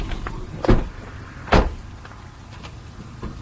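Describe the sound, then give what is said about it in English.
Steady low road and engine rumble from inside a moving car driving about 50 feet in front of a large magnet being moved down the road, broken by two sharp clunks about a second apart, like bumps or rattles in the cabin. No one speaks. “We've been traveling in a car pretty much about 50 feet in front of the magnet.”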